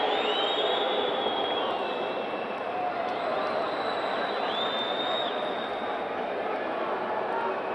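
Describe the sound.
Football fans in a stadium's stands chant together in a steady, continuous roar of many voices, with a few high whistle-like tones sliding above the dense, unbroken wall of sound.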